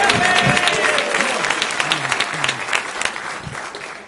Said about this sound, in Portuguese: Vamos receber o nosso pastor presidente. Vamos receber o nosso pastor. Receba o homem de Deus com palmas para Jesus.